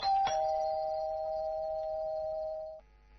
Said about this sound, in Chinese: 看看四周无人，赶紧按门铃。